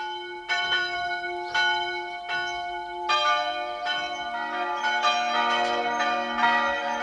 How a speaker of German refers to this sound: Es ist 12 Uhr. Sie hören die Glocken der Pfarrkirche von Mariasdorf im Burgenland.